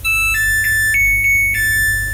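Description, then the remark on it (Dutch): A washing machine's end-of-cycle melody: a short tune of about six clear electronic beep notes stepping up and down in pitch, played alone over a low steady hum. “Maar dan begint dus dit deuntje als de wasmachine klaar is.”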